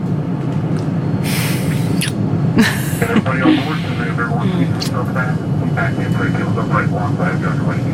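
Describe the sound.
A steady, loud drone from the engines of an airplane in flight fills the whole stretch, a constant low roar with occasional brief hissy swells, while indistinct voices murmur underneath.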